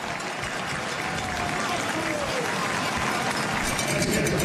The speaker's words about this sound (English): It's a nice round of applause here from, we'll call it, a sparse crowd in Hamilton.